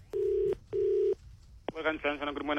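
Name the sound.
telephone number being dialed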